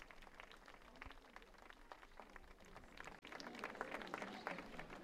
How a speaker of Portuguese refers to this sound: Agora sim, a chegada do Santo Padre, aplaudido naturalmente pelos presentes.